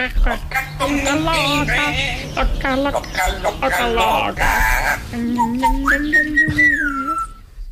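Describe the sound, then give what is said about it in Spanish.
A parrot squawks and whistles, a rapid string of warbling, bleating calls and sliding tones that runs for several seconds before ending in a long rising whistle. “Venga, a ver, el loro, por favor. El loro y cerramos ya.”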